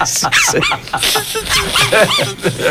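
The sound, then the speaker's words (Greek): A dog barks and yips repeatedly in quick, uneven bursts, loud, with whiny, high-pitched tones mixed in among the barks. “Το τι είχες βρει και ήχο. Από σκύλι.”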